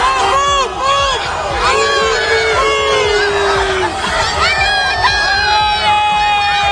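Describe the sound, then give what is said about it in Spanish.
A large, excited stadium crowd screams and cheers nonstop, greeting Cristiano Ronaldo, with many high-pitched shrieks and whoops overlapping in a loud wall of voices. “Así recibían ayer a Cristiano Ronaldo.”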